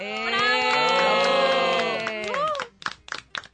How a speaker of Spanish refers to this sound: Entonces, a las familias de estos chicos, de los tres, un aplauso.